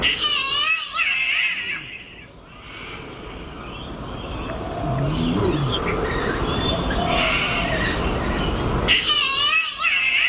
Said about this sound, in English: Here's another bird. It's the green catbird.